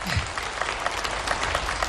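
Steady applause from an audience, a dense patter of many hands clapping at once, fairly loud and continuous for the whole couple of seconds with no voices over it.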